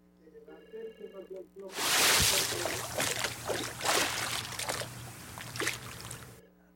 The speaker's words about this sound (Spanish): Aquí te va tu baldazo con agua.